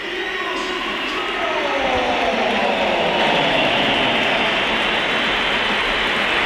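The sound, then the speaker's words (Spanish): At the Bernabéu stadium, a large crowd roars steadily and loudly as Vinicius Junior is substituted off, cheers blending with shrill whistling throughout, a dense wash of noise with no voices speaking over it. “Y hay división ver, de opiniones. Vamos a escuchar, escuchamos. Mucha gente.”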